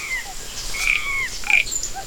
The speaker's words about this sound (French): Le coassement des grenouilles, des crapauds et des rainettes? C'est une forêt sauvage d'une grande beauté. C'est la jungle.